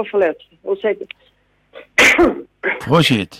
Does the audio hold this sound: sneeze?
yes